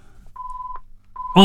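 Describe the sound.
A telephone rings with a steady electronic tone: one long beep, a short pause, then a second beep that is cut off as a person starts speaking over it.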